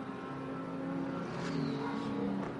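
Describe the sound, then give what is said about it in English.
Tom Dillman's race car engine revs hard and accelerates as it fires off the pit limiter after a pit stop, its harmonic whine climbing steadily as it pulls away, loud with no one speaking. “Now, where is George Kurtz and Alex Quinn going to blend out as Tom Dillman gets ready to fire off the pit limiter?”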